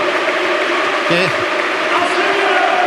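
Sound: stadium crowd applauding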